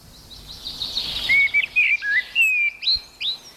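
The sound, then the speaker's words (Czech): A common blackbird sings a series of clear, fluting whistled phrases with brief pauses between them, ending in higher squeaky notes, loud against a quiet background with no voices. “A jak už víme, tak vyhrál kos černý.”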